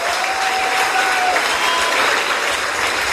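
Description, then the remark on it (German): Steady applause from an audience at the award ceremony of the Bavarian Children's and Youth Film Festival 2026 in Augsburg, a dense, even wash of many hands clapping at constant loudness for the whole few seconds, with no talking over it. “Deswegen auch nochmal ein Applaus an euch alle, dass ihr alle hier seid.”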